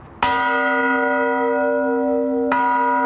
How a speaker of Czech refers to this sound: ale problém je v tom, že ty zvony nejsou dělaný stejně a nemají dobrý souzvuk. Ale není automatika, musí se zvonit ručně. Musí se zvonit ručně.